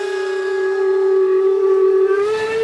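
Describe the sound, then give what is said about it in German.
Loud steam locomotive whistles blare together in one long, steady blast, a bright, sustained chord that holds without a break for the whole moment, with no voices. The steam locomotives sound the start signal for the three-day Heizhausfest at the Schauplatz Eisenbahn railway museum in Chemnitz-Hilbersdorf, Germany. “Das große Anpfeifen, Startsignal für das 3-tägige Heizhausfest.”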